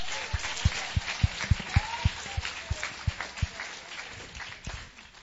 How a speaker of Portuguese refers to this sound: Palmas para Jesus!